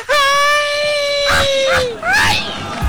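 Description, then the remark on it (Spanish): A loud, sustained high-pitched yell held steady for nearly two seconds, then breaking into warbling, yipping whoops that rise and fall, a festive Mexican grito. “Este es mi grito más mexicano.”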